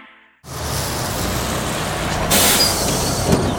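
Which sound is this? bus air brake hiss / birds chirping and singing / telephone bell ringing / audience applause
bus air brake hiss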